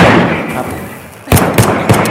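Three sharp gunshots crack in quick succession, evenly spaced and fairly loud, following a stretch of low rumbling background noise with no voices.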